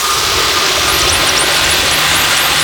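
A loud, steady underwater roar of a boat engine fills the whole clip, dense and unbroken, with faint rapid high-pitched sweeps flickering above it.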